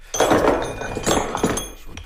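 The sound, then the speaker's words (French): A metal hammer is pulled out and set down with a few knocks and metallic clinks, with a voice murmuring underneath. “On va sortir un autre marteau.”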